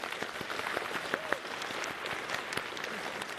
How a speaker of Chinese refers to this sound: 来给我们的小组长、我们区牧们一起鼓掌鼓励一下。